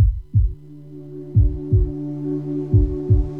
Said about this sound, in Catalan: Sents el cor? Batega fort, oi? Batega per tu, batega per ell, batega per ella, batega per ell, batega per tots. No sempre batega tan fort.